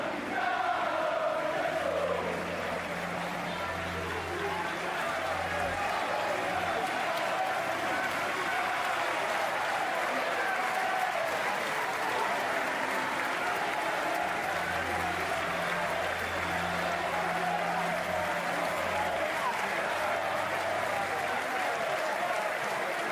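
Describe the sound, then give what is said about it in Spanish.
Hundreds of fans waiting outside applaud steadily for the full length to bid farewell to a legend, a dense wash of clapping with a murmur of voices and occasional low chanting swelling underneath, sustained and fairly loud. “Afuera, cientos de aficionados esperaban para despedir a la leyenda con cánticos y aplausos.”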